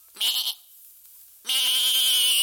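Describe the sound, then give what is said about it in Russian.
A ram bleats twice, loud: first a short quavering bleat, then after a brief pause a longer, wavering one that carries on to the end. “Ну-ка, старуха, расстели баранчику на полу рогожку.”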